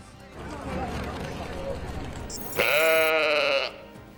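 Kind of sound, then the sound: animal, sheep bleating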